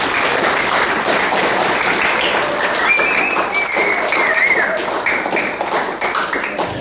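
Steady, dense audience applause fills the whole stretch, many hands clapping in a continuous crackling wash that stays loud throughout and tapers only slightly near the end.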